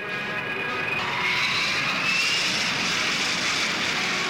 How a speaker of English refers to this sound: It's only 27 months since BAZ got the go-ahead to build her. And listen to the Rolls-Royce Spey engine. First come taxiing tests.